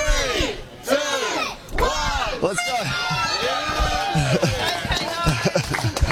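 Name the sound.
crowd cheering and clapping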